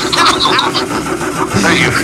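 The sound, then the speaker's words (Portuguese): A person imitates an engine with their voice, making a steady, buzzing, revving drone that runs continuously for about two seconds, fairly loud. “Igualzinho o motor.”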